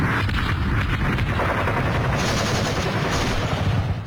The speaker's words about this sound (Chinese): 1933年夏，沿着中央苏区越来越缩小的边界，枪炮声再次隆隆作响，国民党军对中央苏区的第五次围剿开始了。